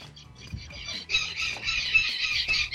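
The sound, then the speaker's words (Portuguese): Chickens squawk and cluck in the background, a dense, continuous clamor of bird calls with faint low murmuring beneath. “Ó, os pássaros estão na torcida.”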